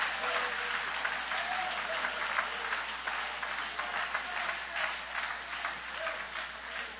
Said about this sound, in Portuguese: Pode aplaudir todo mundo junto agora, dando uma linda salva de palmas para Jesus.